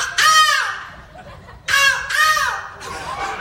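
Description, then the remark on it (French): A person imitates a black-headed gull, giving three harsh, laughing squawks in quick succession, loud, with no other sounds or talking. “La mouette rieuse.”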